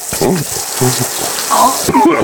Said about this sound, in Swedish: Och i måndags, då blev han vattendränkt. Waterboarding, det lät så här. Nu kommer vi över mun och näsa. Nu, ja, här kan vi höra.